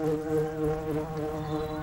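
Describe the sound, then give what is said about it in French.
A steady, droning buzz of bees landing on colourful meadow flowers and sucking their nectar, a rich, continuous hum that swells and dips slightly in loudness without pause, with no voices. “Est-ce que tu entends les abeilles bourdonner?”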